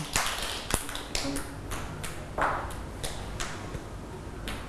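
Children clap their hands for a classmate at their teacher's prompt, in a loose, uneven patter, with sharp, scattered slaps arriving at irregular moments rather than a steady beat, moderately loud over a faint background hum.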